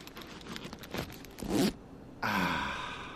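Steel Blue work boots being pulled on: a few soft scuffs, a sharp rising zip-like rasp, a brief pause, then a long, loud breathy sigh of relief trailing off.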